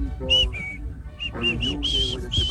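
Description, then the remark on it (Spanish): A bright whistled melody of short sustained notes that step up and down in pitch, sitting over a softer band playing underneath, fairly loud. “Yo me quedo con la banda esta del silbido.”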